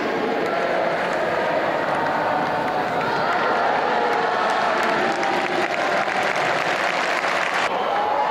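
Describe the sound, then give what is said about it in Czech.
A large crowd on the center court of Roland Garros in Paris applauds steadily for Rafael Nadal's birthday on 3 June, a dense, loud wash of clapping with scattered cheers and murmuring voices that holds throughout without a break. “Pomalu se to rozjíždí, zatím ještě ta kulisa není tak výrazná, ale za chviličku už to uslyšíte.”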